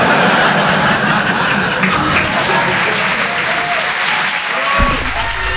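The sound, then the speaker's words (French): Steady applause from an audience, a dense crackle of many hands clapping at once that stays loud and even throughout, with a low rumble underneath, after the performer says he has just had his second child. “Non, non, n'applaudis pas.”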